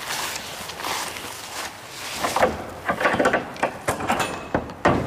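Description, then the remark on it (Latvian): Large doors of a shed, built on in Soviet times as a storehouse and now used for events, scrape and rumble open, with a steady grinding drag broken by a series of clunks and knocks toward the end, and no voices. “Pērās lielās durvis.”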